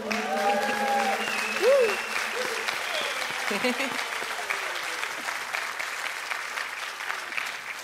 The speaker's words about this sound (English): So I hope you enjoy these moments of applause because there's very few in the show.